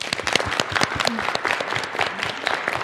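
A room full of students claps steadily for a few seconds, dense overlapping hand claps at moderate loudness, with a few faint voices murmuring underneath.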